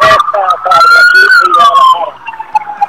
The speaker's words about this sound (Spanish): por cierto, ahora que pasa la ambulancia, a ver si me escuchas.